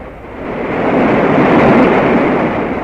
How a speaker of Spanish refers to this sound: Calimán había dispuesto la construcción de una balsa con troncos grandes y sólidos, y después de una suculenta comida de pescados atrapados por Solín, emprendían la marcha a bordo de la balsa por las turbulentas aguas del río Jataté.